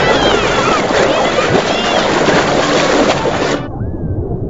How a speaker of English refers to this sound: Boys playfully splash around in the water, and a guy paddles by on an inflatable raft as other people stand around and talk.